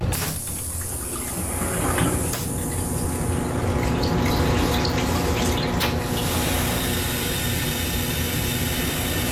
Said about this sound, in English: So you're on the train and you hear the call or feel the call of nature. So you head to the onboard convenience. You flush.